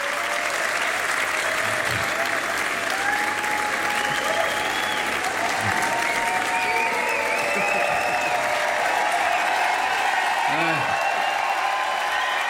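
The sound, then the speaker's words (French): Sustained, dense applause from a large concert crowd at the Jazz à Vienne festival, a steady roar of clapping for the full stretch with occasional cheers and whistles rising above it. “Et oui, le public est conquis.”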